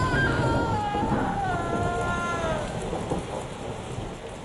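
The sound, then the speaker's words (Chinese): Heavy rain pours in a dense, steady roar during a storm at sea, with deep thunder rumbling beneath it, loud throughout, while a few thin wavering tones drift faintly above the downpour. “暴风雨过去了，我不知道在海上漂了多久，被马来西亚渔民救了上来。”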